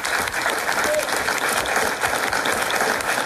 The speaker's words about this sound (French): Et si on applaudissait d'ailleurs tout le monde,